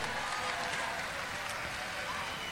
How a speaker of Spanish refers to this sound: ¡Aplauso a todas las personas mayores, pues, muchachos, con cariño! ¡Aplausos para Totoral de Tomé!